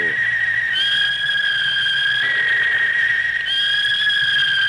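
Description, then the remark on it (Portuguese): A referee's whistle ends the first half of the Fortaleza vs Sport football match at Arena Castelão. It sounds in long, shrill, unbroken blasts that run for nearly five seconds, the pitch stepping slightly a few times, loud over a low background hum with no talking. “É final da primeira etapa na Arena Castelão.”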